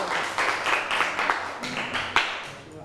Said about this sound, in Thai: okay everyone welcome your friend here ปรบมือหน่อยค่ะ